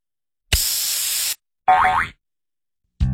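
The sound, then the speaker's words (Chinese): A soda can cracks open with a sharp, steady hiss of fizz lasting under a second, followed by a short springy, wobbling tone and another sound starting just at the end. “你知道为什么易拉罐打开的时候会有气泡丝丝的冒出来吗？”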